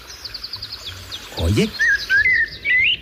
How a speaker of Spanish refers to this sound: Hola, amigo, Mirlo, ¿nos escuchas? A ver. ¿Estás ahí en la azotea, Mirlo? Parece que sí, ¿no?